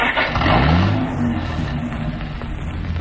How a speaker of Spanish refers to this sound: Harrison pone el auto en movimiento.